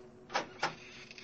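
A door at the bottom of worn steps, its latch lifted, squeaks open in two short, scraping bursts close together, moderately loud against a quiet background, with no voices.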